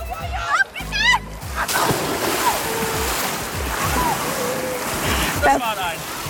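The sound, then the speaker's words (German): A voice calls out, then a person jumps into a swimming pool in Imst, Tyrol, Austria, landing on their backside with a loud splash, followed by several seconds of churning, sloshing water and faint background voices. “Perfekte Landung, ja, am Hinterteil mit viel Spritz.”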